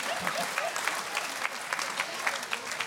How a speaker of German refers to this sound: Applaus bitte. Tabakarbeiterinnen. No. Yeah, an applause. Thank you.